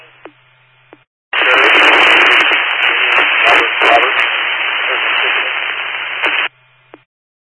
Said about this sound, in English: You're all static.